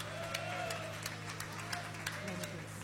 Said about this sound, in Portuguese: Agora que você desocupou as suas mãos, palmas e glória a Deus. Glória a Deus com palmas.